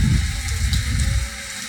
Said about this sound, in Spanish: te comparto un video, cómo está lloviendo aquí en San Luis Potosí, mi Martín. Ahorita te mando para allá el agua, mi Martín. Ahí llueve y llueve, mi Martín.